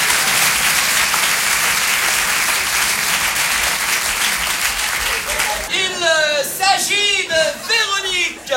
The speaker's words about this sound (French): Mademoiselle, on vous applaudit très fort, rapprochez-vous.